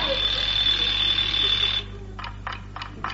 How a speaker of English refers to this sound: Elvira, my dear, that clock has got a very noisy tick. We have an electric alarm, Ernest.